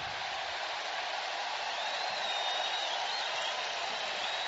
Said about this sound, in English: And a bit of a Bronx cheer there.